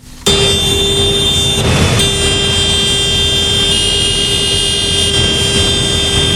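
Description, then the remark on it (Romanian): Tractor horns blare without pause at a protest in Fălești, sounding for minutes on end, several steady tones overlapping into one loud, droning chord over a low engine rumble, with a brief burst of rough noise partway through. “La Fălești, claxoanele tractoarelor au răsunat minute în șir.”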